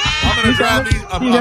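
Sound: cat meowing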